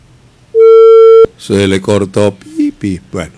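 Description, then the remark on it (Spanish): A phone call to a radio call-in line cuts off into a loud, steady electronic tone lasting under a second, ending abruptly before a man starts talking. “Se le cortó, ahí está el teléfono habilitado para que llamen.”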